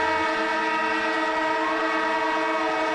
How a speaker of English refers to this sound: And as the siren sounds, we welcome Cameron Ling, AFL legend, ABC sports commentator.